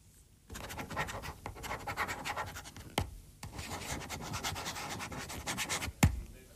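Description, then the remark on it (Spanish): A red ballpoint pen scratches steadily across paper in quick, raspy strokes for several seconds, broken by two sharp taps, with no voices; the microphone is lowered so it is nearer the pen than the speaker's voice. “Está más cerca ahora del bolígrafo que de mi voz.”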